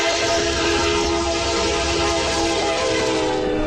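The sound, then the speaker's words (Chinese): A train on the Qinghai-Tibet Railway rolls along steadily near Wudaoliang station at an altitude of 4,673 metres, its loud, continuous rumble layered with a sustained metallic whine and hum, heard from on board with no one talking. “五道梁火车站，为什么我们要在车上守候这样的一个火车站？”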